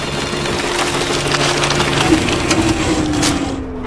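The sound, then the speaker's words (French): A printer jams while printing a report: a steady low motor whine runs under continuous crackling, crumpling and grinding of paper for several seconds, with no one talking. “Oh, c'est génial, bourrage papier.”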